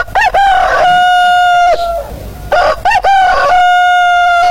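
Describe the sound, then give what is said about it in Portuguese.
A rooster, Galo Chico, crows loudly twice to announce the correct time, each long cock-a-doodle-doo rising then holding a steady, strained note before cutting off, with a short pause between the calls. “Olha a hora certa, a hora certa, o Galo Chico canta, o Galo Chico informa a hora certa.”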